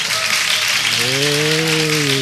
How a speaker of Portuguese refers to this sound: Semana praticamente encerrada. Cadê o barulho? Cadê as palmas?